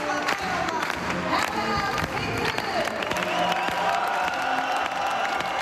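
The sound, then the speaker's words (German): A large indoor crowd applauds and cheers loudly and continuously, dense clapping mixed with whoops and shouts filling a big hall, with murmured voices underneath. It greets the Freedom Party (FPÖ) leadership, led by federal party leader Herbert Kickl, entering Saal Tirol at the Congress Innsbruck in the morning. “Unter tosendem Applaus zieht die Parteispitze der Freiheitlichen am Vormittag in den Saal Tirol im Kongress in Innsbruck ein.”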